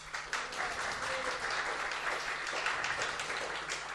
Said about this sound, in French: de la médiathèque d'Albi qui nous accueille aujourd'hui, qu'on peut applaudir bien fort.